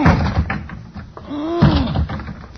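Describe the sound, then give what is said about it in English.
A heavy thud of a shoulder ramming a wooden closet door by someone trapped inside trying to get out, then a strained, rising groan and a second loud slam, all loud and rough with no clear speech. “I going to lunge at the door with my shoulder.”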